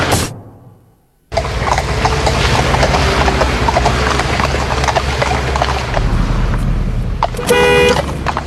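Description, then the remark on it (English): Horse hooves clip-clop in a steady rhythm over a car engine's low rumble as a car drives near a horse on the road, and a short horn blast sounds near the end. “When driving near horses, there are a few rules to bear in mind.”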